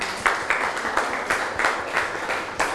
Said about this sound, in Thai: เก่งมากค่ะนั่งลงลูกปรบมือให้เพื่อนหน่อย